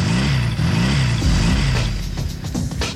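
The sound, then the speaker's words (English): An engine revs up and down in repeated rising surges, loud and throaty with some mechanical clatter, then settles into a lower rumble; no one speaks. “All revved up and nowhere to go?”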